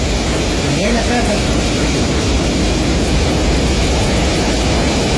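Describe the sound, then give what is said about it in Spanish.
A loud, unbroken roar of strong wind and heavy rain in Los Queques fills the whole stretch, a dense, rushing wash of noise with a deep rumble underneath and no pauses. “Mira, a propósito del registro, lo que escuchamos, lo que usted escucha ahí, es un fuerte viento, fuerte lluvia en Los Queques.”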